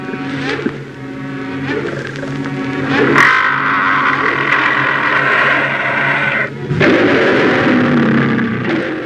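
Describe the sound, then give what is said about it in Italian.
A beast technician imitates lion roars for toy lions with loud, rough, rumbling growls that swell and break off a couple of times, sounding harsh and almost engine-like. No one speaks. “Altro che tuoni, questi sono ruggiti. Di leoni?”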